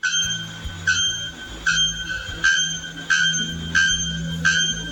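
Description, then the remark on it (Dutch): A bird of the Brazilian forests, one of two birds vying for the title of loudest screamer, gives extremely loud, bell-like calls: about seven sharp, ringing metallic notes repeated at a steady, quick rhythm over a low background rumble. “In de Braziliaanse bossen zitten namelijk twee vogels die samen strijden om de titel van hardste schreeuwer.”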